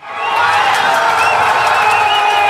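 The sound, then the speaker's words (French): A large outdoor crowd of Senegalese football fans in the Corniche fan zone in Dakar cheers and shouts continuously in the evening, a dense roar of many voices with whoops and scattered clapping, loud and sustained throughout. “mais de la joie tout de même dans la fan zone de la Corniche où Pauline Le Troquier est allée promener son micro”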